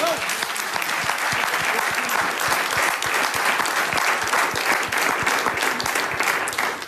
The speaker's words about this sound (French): La danse des politiques belges. Applaudissements.